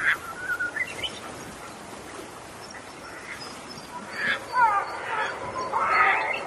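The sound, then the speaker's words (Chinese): Black-faced spoonbill calls: scattered low, hoarse grunting notes, quiet at first, then a louder cluster of raspy calls toward the end over a steady background hiss. No one speaks. “黑面琵鹭的声音就是这样。”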